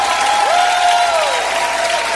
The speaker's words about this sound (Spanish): El único a quien exaltamos, a quien bendecimos, oh, a quien aplaudimos con lo mejor. Aleluya.